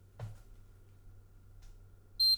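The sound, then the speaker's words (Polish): A single short, high-pitched electronic beep from a cordless phone handset lying on its base sounds near the end, crisp, after a soft click and quiet background hum; the beep signals the first, quietest volume profile. “To był pisk, który mówi, że jest profil pierwszy, najciszy.”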